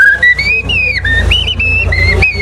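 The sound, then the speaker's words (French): A person whistles a flowing, melodic phrase imitating a common blackbird's song, with gliding notes rising and falling in quick succession, clear, alone without talking. “Et alors que si c'est un grand arbre plus vieux, on aura le merle noir.”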